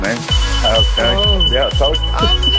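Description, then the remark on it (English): A high-pitched fire alarm beeps steadily in the background for the whole stretch, faint but persistent, while voices talk loudly over it. “Yeah, he was celebrating so hard, his fire alarm was going off in the background.”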